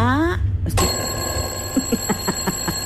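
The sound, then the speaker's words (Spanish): An alarm clock rings with a steady, insistent electronic beeping in quick repeated pulses, following a brief rising tone and a click. “Hasta el despertador voy a poner yo aquí para que usted me escuche en este momento.”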